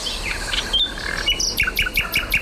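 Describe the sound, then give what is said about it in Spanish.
A common nightingale sings clearly at night, opening with varied whistled phrases before breaking into a quick run of about six repeated, emphatic notes, with no voices present. “Esto es un ruiseñor común, en plena expansión nocturna. Los ruiseñores cantan de noche.”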